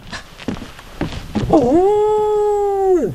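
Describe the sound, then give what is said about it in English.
After some brief rustling and thumps, a female dog lets out a single long, steady whine, holding its pitch for over a second before dropping off at the end, during a mushroom foraging outing. “I uncover edible treasures with my dog Lily at my heels”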